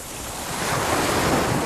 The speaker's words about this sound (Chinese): 大海